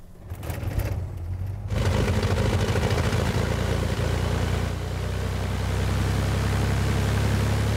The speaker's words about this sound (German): Vater Andreas fährt mit dem Auto vor.